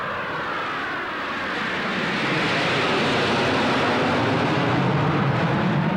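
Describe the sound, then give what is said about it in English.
Russian jet planes roar overhead at Okolud, a dense, rushing engine noise that swells steadily louder over several seconds as they pass above, with no voices. “What are Russian jets doing here?”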